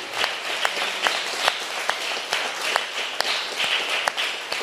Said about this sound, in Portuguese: Todo mundo está de pé. Olha lá, todo mundo está de pé. Vamos aplaudir a Jesus.